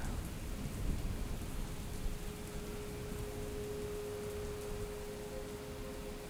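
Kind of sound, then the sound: nature, rain falling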